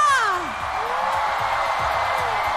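A crowd applauds and cheers steadily to welcome back a four-member group, with a dense wash of clapping throughout and a falling whoop or cheer at the very start.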